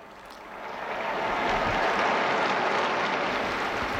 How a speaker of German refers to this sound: Sie hören den Applaus.